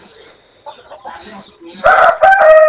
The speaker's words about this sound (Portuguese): O galo tá que tá, seu galo, viu, Betinho?